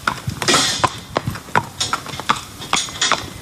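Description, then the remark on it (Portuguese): Hooves of the horse Arinto Graciosa, ridden by the knight São Jorge and lined up for the combat, clip-clop at a steady, even pace, a string of sharp knocks, with no one talking. “o cavaleiro São Jorge e o seu cavalo Arinto Graciosa já estão alinhados para ganhar o combate.”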